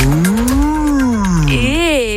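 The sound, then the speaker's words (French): On ICI Pays de Savoie radio, a person imitates a cow's moo: a long, loud, low lowing tone that swells and sags in pitch, followed by a shorter, rising-and-falling second moo. “C'est bien la vache là.”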